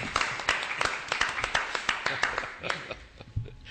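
Steady clapping of hands, a quick run of sharp, bright claps at an even rhythm, fairly loud, with a faint murmur of voices underneath.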